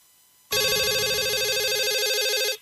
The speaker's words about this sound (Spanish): Teléfono.